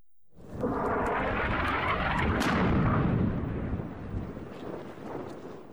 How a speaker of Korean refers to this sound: 폭발음과 함께 짙은 흙먼지가 피어오릅니다. 친이란 후티 반군이 사우디의 지원을 받는 정부군과 치열한 교전을 이어가고 있습니다.